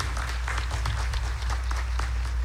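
A crowd at a festival applauds the festival's night sponsors steadily, many hands clapping together in a dense, continuous patter that holds at an even level from start to finish, with a low rumble underneath.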